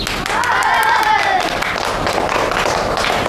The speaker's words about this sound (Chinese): 哎，同学们，这是国军第五军的洪中校，也是我们国家的抗日英雄，我们用掌声欢迎他。